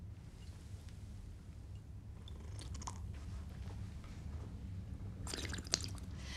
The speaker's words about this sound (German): So, junger Mann, wir bleiben bei den alten Traditionen. So, zweimal drehen. Genau. In drei Schlucken trinken, mit Schlürfen dabei. Sonst war er nicht gut.